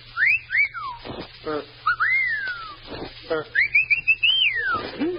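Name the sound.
person whistling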